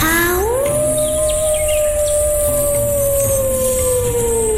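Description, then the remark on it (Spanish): A person voices a long, drawn-out wolf howl imitation, rising at the start and then holding a steady, sustained tone for several seconds, loud, with no other talking. “Vamos a ver quién logra sacar su mejor aullido de lobo.”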